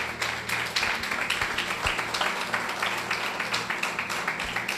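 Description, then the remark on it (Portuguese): A crowd claps steadily together in applause for Jesus, a dense, continuous wash of many hands applauding at an even, loud level for several seconds with no voices standing out. “Vamos aplaudir ao Senhor Jesus. Bem forte para Jesus.”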